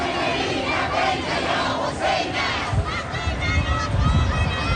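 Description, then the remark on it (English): A large crowd waiting for coffins in the streets of the holy city of Mashhad chants slogans such as "God is great" in unison as hot winds sweep the area, a dense, loud wall of voices that swells and continues without pause for several seconds, with deep rumbling noise underneath. “As hot winds sweep across the area, people continue to pour in, chanting slogans like God is great.”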